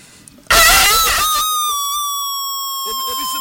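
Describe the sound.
A person loudly imitates a rooster's crow, a harsh burst followed by a long, sustained wavering cry, with someone starting to speak as it fades.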